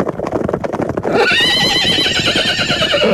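A loud horse whinny, high and quavering, rings out for about two seconds after a brief patter of hoofbeats, as war horses arrive at a village courtyard. No voices are present.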